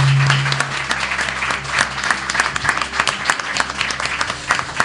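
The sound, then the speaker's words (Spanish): Sustained applause from a live audience in Mucientes welcoming the listeners of a broadcast, a dense, steady wash of many hands clapping at once, fairly loud throughout with slight swells, and no voices standing out. “compartiendo con todos los amigos que han llegado hasta este lugar en Mucientes, y sobre todo, yo quiero que nos reciban a todos los oyentes con un fuerte aplauso, porque tenemos un público estupendo.”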